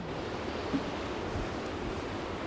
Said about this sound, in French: Bon, là, il y a une dépression qui est en train de passer. Donc, on a du vent, mais ce n'est pas la tempête.